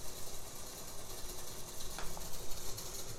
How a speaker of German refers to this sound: Das ist jetzt hier dieser Tastenklapperteppich, ein Tutti-Tastenklapperteppich der linken und rechten Hand. Ich habe immer zwischen linker und rechter Hand differenziert, weil die Klappen unterschiedlich klingen.